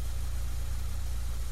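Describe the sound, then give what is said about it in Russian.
A car engine, just started by a young woman who then shifts into reverse gear, idles steadily, a low, even rumble with a faint pulsing throb that holds without change for the whole moment. “Девушка быстро поправила сиденье автомобиля, завела мотор и включила заднюю скорость.”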